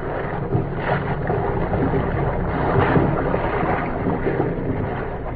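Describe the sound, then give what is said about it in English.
A steady, continuous rumble of an incoming ocean liner under way some 300 miles at sea, heard on its darkened deck, with wind and rushing water filling the background at an even level and no voices. “If K-7 and B-9 could have known what was happening on the darkened deck of the incoming liner, some 300 miles at sea, their problem would have been answered.”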